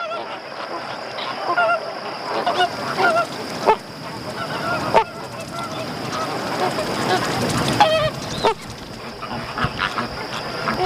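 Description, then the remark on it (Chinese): Calls of parent Caribbean flamingos: a dense, continuous chorus of goose-like honks and grunts from many birds overlapping, loud and restless, over a thin steady high-pitched hiss. “因此，我们也无法确定加勒比海红鹳亲鸟做出这个举动的意图。”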